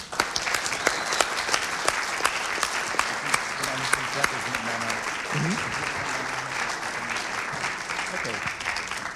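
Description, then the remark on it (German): A festival audience applauds the Vuk-Theater, clapping steadily in a dense, sustained wash of applause, with sharp individual claps popping out above the rolling noise throughout and a faint murmur of voices underneath. “Also, ein Applaus vielleicht schon mal an das Vuk-Theater.”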